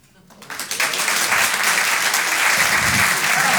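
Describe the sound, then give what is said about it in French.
An audience bursts into applause in response to a question about who drinks alcohol, the clapping swelling quickly within the first half second and holding as a dense, steady, loud wash of many hands until the end. “Par applaudissement, des gens qui boivent pas d'alcool du tout ?”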